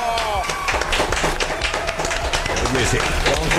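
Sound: ovation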